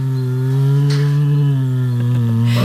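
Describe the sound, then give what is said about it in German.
An Asiatic black bear at the Neunkircher Zoo hums in a steady, low, buzzing drone, rich and motor-like, held without a break for about three seconds with only slight wavers in pitch and no voices. “Summt gemütlich vor sich hin, ne? Ist aber ein Kragenbär.”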